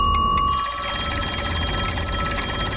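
A kitchen timer rings without pause, signalling that a pie is done, a loud, steady metallic trill with bright high overtones that fills the entire stretch. No one speaks.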